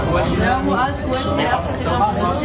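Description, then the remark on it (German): Glasses clink together as a man, his colleagues and his instructor toast contentedly, amid a lively crowd with several overlapping voices chattering and bright, ringing taps scattered through the busy background. “seine Kolleginnen und Kollegen und natürlich auch der Lehrmeister haben zufrieden angestoßen.”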